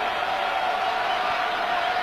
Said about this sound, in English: Crowd getting loud. Here's the kick. It is up, and it is no good.